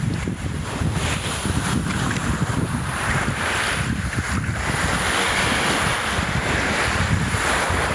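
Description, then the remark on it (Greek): Steady sea surf breaking on the shore of a Cycladic coast in Greece, with clear water, washes and rumbles continuously, with wind buffeting the microphone and no clear individual wave crashes, a dense, fairly loud wash of water without voices. “Το κύμα που σκάει στην ακτή.”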